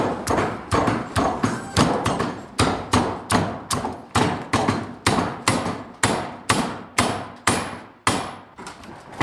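A water-powered forge hammer, driven by water wheels fed from a trough above them, pounds in a steady, rapid rhythm, about twenty loud heavy blows, each a sharp thud with a brief metallic ring, and no voices over it.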